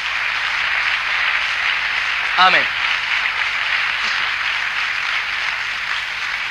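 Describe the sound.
A church audience applauds the King (the Lord) in a steady, dense wash of clapping throughout, while a single voice calls out briefly over it partway through.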